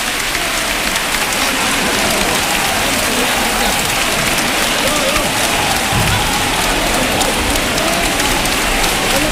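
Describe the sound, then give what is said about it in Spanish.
A crowd in a church claps steadily and densely for the whole stretch, a continuous, even roar of many hands with no pauses or swells, loud throughout. The applause comes as the image of the Virgin is slowly set down in the presbytery, in 2026. “Poco a poco que la Virgen se va depositando, y estas son las palmas. Yo me callo, los sonidos hablan.”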